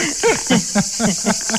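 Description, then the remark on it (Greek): Cicadas in Argos, Greece, on a very hot day buzz in a steady, shrill drone in the background, with a rapid pulsing chirp rising and falling several times over the continuous hiss. “Τα τζιτζίκια από εσάς ακούγονται εκεί.”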